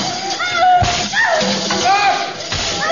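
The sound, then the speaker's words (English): Sharp whip cracks, aimed at a girl's feet to make her stop dancing, snap out about three times at uneven intervals, loud, amid raised, wavering voices and cries. “The whip will make her stop dancing.”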